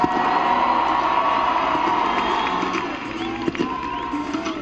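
A crowd applauds a performer as he is introduced, steadily and fairly loudly, a dense wash of clapping mixed with cheers that holds for several seconds before easing slightly toward the end.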